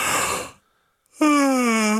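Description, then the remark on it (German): A person yawns: a long breathy inhale, a brief pause, then a loud, drawn-out voiced exhale that slowly sinks in pitch. “Und es ist jeden Morgen das gleiche Spiel, oder? Einer gähnt.”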